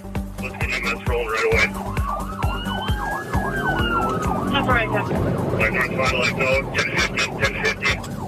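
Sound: police car siren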